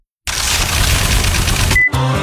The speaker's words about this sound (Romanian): Acesta este sunetul banilor pe care îi depui pe cardul tău, emis de orice bancă.